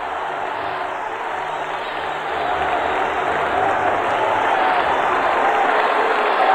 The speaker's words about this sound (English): He's cross-checked from behind by the defender Dave Manson. And the crowd is going to boo here.